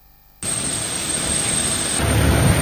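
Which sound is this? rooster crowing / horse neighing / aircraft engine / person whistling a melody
aircraft engine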